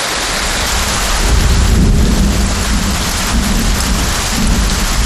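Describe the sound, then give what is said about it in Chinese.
Heavy rain from a widespread local rainstorm pours down in a dense, steady hiss while deep thunder rumbles low underneath, swelling around the middle. No one speaks. “本地普降大道暴雨，最大降雨出现在九道港。”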